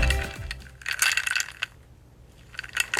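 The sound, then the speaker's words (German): Ice cubes clinking in a glass on a warm day: a burst of bright, rattling clinks, a few sharper taps, then a quiet pause before another short flurry of clinks at the end. No voices. “Das schönste Geräusch, wenn es draußen so warm ist.”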